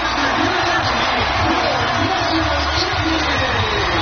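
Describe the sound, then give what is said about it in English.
A stadium crowd of more than 8,000 fans on the lakefront campus in Evanston cheers in a steady, dense roar as Northwestern beats North Carolina to win the women's lacrosse national championship, many voices blending into continuous loud noise. “And the crowd goes wild, as you can hear there.”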